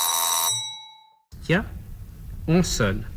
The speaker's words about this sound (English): Oh, the doorbell. There must be someone there.